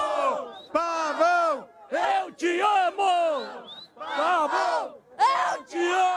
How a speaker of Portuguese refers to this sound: aqui na Arena, depois de Grêmio 2, São Paulo 1. Esse barulho da torcida aí